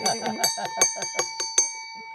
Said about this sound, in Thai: เอาเสียงก่อนแล้วเดี๋ยวกระดิ่งตามบ้างนะคะ